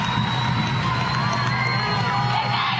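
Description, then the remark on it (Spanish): A large crowd gives an ovation as Cristina Fernández de Kirchner comes out, roaring and cheering continuously, a dense, loud wall of voices with scattered whoops and shouts rising above the steady applause-like din. “Escucha la ovación.”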